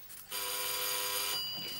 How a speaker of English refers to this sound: The doorbell again. That's the third time. That's the third time.